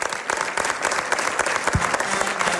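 An audience claps steadily throughout, a dense, even wash of many hands with no talking over it, holding at a fairly loud, sustained level for a few seconds.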